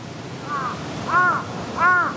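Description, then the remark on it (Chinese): Crows caw three times at an even pace, the first call softer and the next two louder and harsher, over a steady background hiss with no talking. The crows are gathering around a dead crow lying on the ground. “地上的乌鸦尸体不是他们认识的个体，但他们依然聚集过来，对他们来说这仍是一条有价值的信息。”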